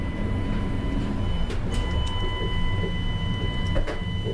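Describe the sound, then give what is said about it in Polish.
The automatic sliding door of a toilet for disabled people, opened with a push button, moves with a steady motorized whir and hum, steady high tones, and a few soft clicks and knocks. Nobody speaks. “To jest otwieranie drzwi.”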